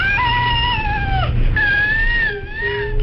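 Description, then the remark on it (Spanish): A baby with cri du chat syndrome, a genetic condition caused by loss of part of chromosome 5, gives a thin, high-pitched cry that sounds strikingly like a cat mewing, drawn out in a few long, steady wails with brief breaks, over a low background rumble. “El síndrome se llama precisamente cri du chat, porque es este sonido, este llanto, recuerda al maullido de un gato, realmente, ¿no?”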